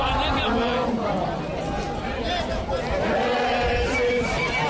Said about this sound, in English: The march was off to a slow start with small groups trickling into the Thokoza Park earlier, but the crowd has been swelling with a sea of hundreds now filling the streets while singing and chanting.